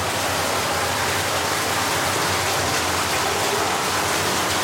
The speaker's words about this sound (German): Genau, jetzt haben wir hier. Hier hinter der Tür ist dann das Wasser, was aus Tschechien kommt. Das ist aber jetzt sehr laut.